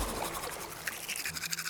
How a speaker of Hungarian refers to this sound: Fogmosáskor alul is mosd, ne csak felül.